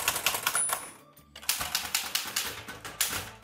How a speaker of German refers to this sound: Heute ist nämlich der Tag der Schreibmaschine und es gibt immer noch Menschen, die täglich auf der Schreibmaschine schreiben.